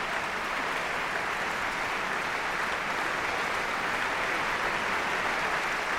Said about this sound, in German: Applaus auch für die Mezzosopranistin Jasmin Jurias.